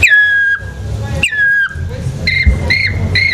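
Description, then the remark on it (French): Someone whistles an imitation of a black woodpecker's call: two long, slightly falling notes, then three short, evenly spaced ones, loud over a low rumbling background. “Et en vieillissant, justement, ce taillis qui grandit, les chants d'oiseaux vont évoluer jusqu'à l'ultime, le pic noir, qui est l'oiseau qui a besoin d'arbres qui ont plus de 200 ans.”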